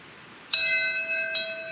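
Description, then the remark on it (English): A memorial bell is struck twice at Ground Zero in New York City at 8:46 on a Friday morning, about a second apart. Each strike produces a clear, sustained metallic ring with lingering overtones, over a quiet background with no talking. “At 8:46 Friday morning, the first bell rang at Ground Zero, marking the exact time American Airlines Flight 11 crashed into the Twin Towers in New York City 25 years ago”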